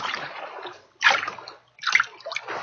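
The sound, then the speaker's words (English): Water splashes and sloshes as something wades through an open spot in a river, with a steady wash broken by three heavier splashing bursts, fairly loud, and no voices. “An open spot in the river. I can't turn back.”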